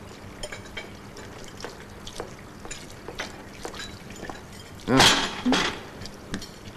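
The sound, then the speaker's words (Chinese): Dishes clink and clatter at a sink amid running water, with scattered sharp knocks throughout and a louder burst of clattering near the end. “告诉你，我来这里洗碗呢，只是暂时的，我很快就会进厨房当助理了，你不用担心。”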